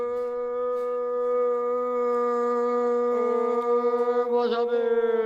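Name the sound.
dog howling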